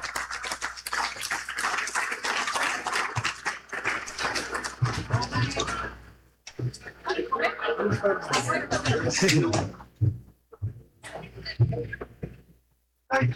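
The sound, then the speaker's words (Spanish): A crowd at an agricultural forum in Sombrerete, Zacatecas, applauds to welcome the ejido commissioner of Zaragoza, steadily for several seconds, dips briefly, then swells again before tapering off into scattered claps and quiet near the end. “Fuerte el aplauso, bienvenido en esta importante tarde.”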